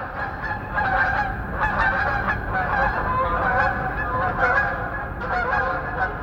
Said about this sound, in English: So in the springtime, I'll be doing the dishes and I'll hear a flock of snow geese go over at 5,000 feet, because I've got a microphone out there bringing those voices in.